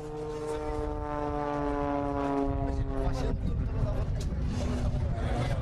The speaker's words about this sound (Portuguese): O som dos motores dominou o céu da Covilhã. O Air Show pôs o público a olhar para o lado, para uma autêntica pista de acrobacias. Aviões como o Extra 330, LT, Vans RV7, Citabria, TAP 10B e a Patrulha Fantasma marcaram uma tarde cheia de adrenalina.